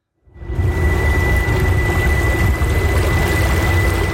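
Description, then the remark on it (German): Water slaps and rushes steadily against the bow of a small electric boat gliding through the Lucerne lake basin, a dense continuous splashing that swells in quickly, with a faint steady electric motor whirr almost buried underneath. “Nur ein leisliches Surren hört man, das fast untergeht im Geräusch der Wellen, die gegen den Bug schlagen.”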